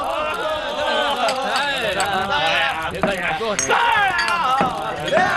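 Cups clink together in a toast amid a lively group of voices talking and cheering over one another, a few bright taps standing out near the middle, fairly loud.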